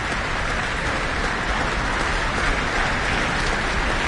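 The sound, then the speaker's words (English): A large audience and orchestra applaud steadily after a Mozart performance as the soloist returns to the stage, a dense, even wash of clapping that holds at the same loud level for the whole stretch, with no voices rising above it. “And with audience and orchestra applauding, he's back on the stage with our guest conductor tonight,”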